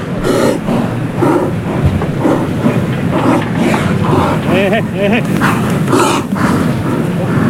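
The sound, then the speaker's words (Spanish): A restless bull in a bullring snorts and breathes heavily while repeatedly banging against the wooden boards at the burladero during Juan Ortega's bullfight, producing a steady series of loud, dull thumps with a constant murmur of background noise underneath. “Escuchamos ahí cómo está golpeando las tablas, muy inquieto. Ahí oímos la respiración del toro.”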